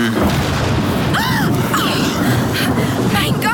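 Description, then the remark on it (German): A lightning strike hits an old tree in the rain, setting it on fire, with a loud, sustained crackling roar over deep booming rumble, with brief whining, sweeping tones cutting through the noise. “Ein Blitz schlägt immer in den höchsten Punkt ein.”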